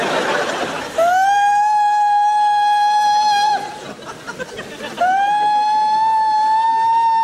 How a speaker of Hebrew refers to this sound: מה קרה? צפירה, צפירה.